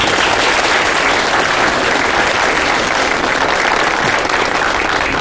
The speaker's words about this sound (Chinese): 那么接下来我们有请福建来的陈副县长给大家讲一下啊，鼓掌。